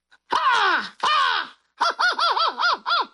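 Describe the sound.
A person loudly imitates an American crow: two long, drawn-out falling caws, then a rapid run of about six short, bouncing caw notes.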